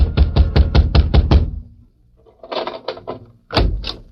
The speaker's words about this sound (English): A few minutes later, Grabber Garson was wakened by a pounding on his door.